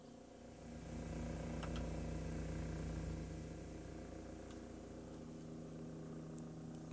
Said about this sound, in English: Oh, helicopter going overhead.